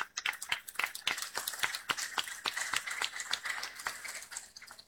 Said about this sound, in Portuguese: Forte as nossas palmas.